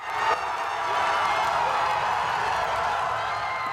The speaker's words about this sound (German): Die Firma hat es am späten Samstagabend geschafft, eine Trägerrakete in den Orbit zu schießen mit mehreren Satelliten an Bord. Jubel bei den Mitarbeitern.